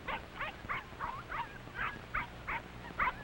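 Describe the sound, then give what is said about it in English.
The puppies of a dog named Mac squabble and yap in a rapid string of about ten high, short yips, fairly steady in rhythm, with no talking. “Now, pups, no time to fight.”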